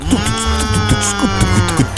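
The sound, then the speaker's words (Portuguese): A person's voice imitates an ox mooing for Bumba Meu Boi day, a drawn-out, wavering low call held for about two seconds, loud, with no other sounds around it. “Bumba Meu Boi. Acho que é mais ou menos assim, não?”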